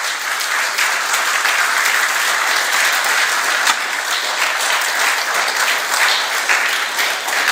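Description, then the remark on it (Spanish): A church audience applauds steadily as an offering to the Lord, a dense wash of many hands clapping at an even, loud level that holds throughout without pausing, with no voices standing out above it. “Yo de ustedes le hubiese dado una ofrenda de palmas a mi Señor.”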